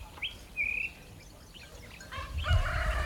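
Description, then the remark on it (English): A rooster crows in a village at 4:30, its harmonic call rising near the end, preceded by a couple of brief, high bird chirps. No one speaks. “The rooster gets going at 4:30, I checked the time.”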